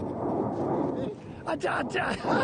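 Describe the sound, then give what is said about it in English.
Mount Etna, a volcano in Sicily, erupts in a deep, sustained roaring blast, sending a massive ash cloud into the sky. It is loud and rumbling throughout, with excited voices shouting over the noise toward the end. “She's called Mama, and she welcomed me with a giant belch that sent a massive ash cloud into the sky.”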